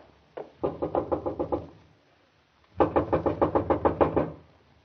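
Two rounds of firm, rapid knocking on a wooden house door, about seven raps and then about ten more after a short pause, clear with no voices.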